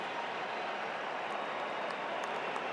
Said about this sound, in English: Big applause from the crowd seeing Doué come in.